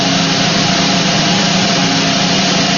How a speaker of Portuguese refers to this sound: Vamos lá! Que rufem os tambores!